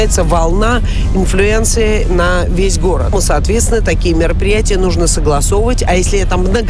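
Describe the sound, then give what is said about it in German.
A steady low road and engine rumble from inside a car moving along the MKAD outer ring road runs throughout, with a person talking continuously over it. “Sie können nicht einfach jetzt irgendwo hier auf dem äußeren Ring MKD, wo wir hier gerade fahren, ja eine Demonstration machen, den Verkehr stoppen, eine Straße zu sperren.”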